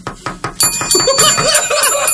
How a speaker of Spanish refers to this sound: Un cordobés en la casa, sí. En el domicilio particular, sí. Tocan timbre.